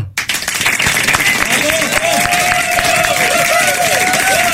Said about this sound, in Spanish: Vamos a dar fuerte el aplauso.